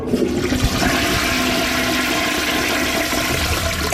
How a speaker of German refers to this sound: Okay. Also, Kloschüssel, ich mache mal den Deckel hoch. Und jetzt erst mal die Klospülung. Achtung.